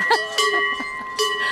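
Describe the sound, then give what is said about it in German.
Cowbells clank unevenly as cows are herded out on a farm, with a few bright metallic strikes ringing out and lingering tones between them, no talking. “ist unsere schwerste Kuh.”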